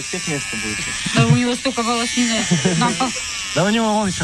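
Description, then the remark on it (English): An electric shaver buzzes steadily throughout, a constant high whir, as it shaves a man's head, while voices talk and exclaim loudly over it in short bursts. “shaving his head with a shaver that breaks halfway through the process.”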